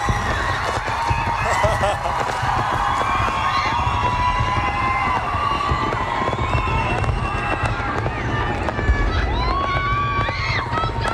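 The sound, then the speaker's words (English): Fireworks crackle and pop in a steady barrage at a live concert beneath a loud, cheering crowd, with shrill whistling tones rising and falling throughout and voices shouting in the mix. “I had no idea, but they fitted perfectly, the fireworks.”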